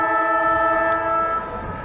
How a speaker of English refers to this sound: We see she's about 25 out, directly in front, kicking it to the town end of Utah Stadium. And this would put the Bulldogs in front as the siren sounds.